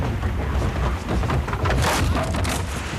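A stormy wind roars steadily with deep low rumbling, then a burst of louder, crackling gusts swells midway as a door is blown open; no voices are heard.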